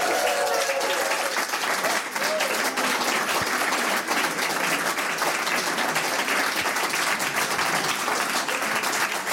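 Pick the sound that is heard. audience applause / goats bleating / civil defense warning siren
audience applause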